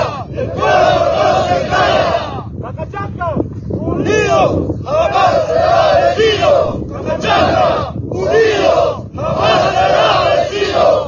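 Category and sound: crowd, protest crowd chanting slogans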